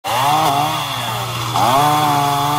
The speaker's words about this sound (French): À coups de tronçonneuses, les habitants dégagent les arbres tombés sur la route.